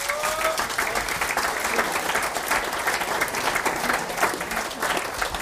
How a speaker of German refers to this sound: Dankeschön, dein Applaus.